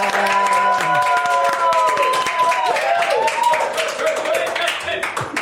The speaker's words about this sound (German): Aber ich bin dafür, dass wir das mal ganz kurz aufheben. Ja, komm, wir machen mal einen Applaus für uns selbst jetzt. Ja.